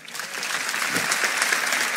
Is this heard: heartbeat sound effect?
no